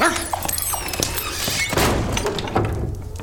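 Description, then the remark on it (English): A dog barks and whimpers amid a busy, noisy scene with a few dull thumps, no one speaking. “Let's go, dog. Stop lying about.”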